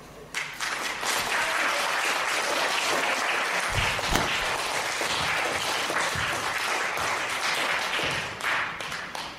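A large crowd applauds loudly and steadily, dense clapping filling the whole stretch without a break, a few sharper claps standing out near the middle before it thins slightly at the end.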